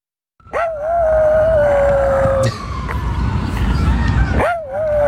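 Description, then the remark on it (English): A tiny dog howls at sirens in Central Park: a long, high, wavering howl, then it breaks off and starts a second howl a moment later, loud over a steady background rumble. “tiny rat dog Brutus, howling at sirens in Central Park”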